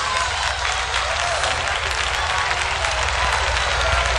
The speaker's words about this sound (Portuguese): Aplauda o Senhor Jesus.